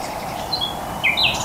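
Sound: bird song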